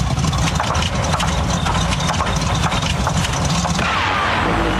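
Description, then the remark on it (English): A song sputters out like an engine running out of fuel, for the Refuel the Music segment on Eagle FM Breakfast radio, a rough, steady low chugging rumble under dense noise that thins and softens in the last second. No one speaks. “That is the exact feeling Brad and Jev are going for on Eagle FM Breakfast tomorrow when you hear a song run out of fuel, something a little bit like this.”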